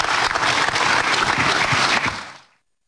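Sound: strong applause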